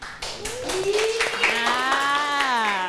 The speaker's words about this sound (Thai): ขอเสียงปรบมือให้กับเพื่อนดังๆอีกหนึ่งครั้งค่ะ